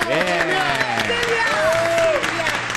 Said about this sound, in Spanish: ¡Fuerte el aplauso!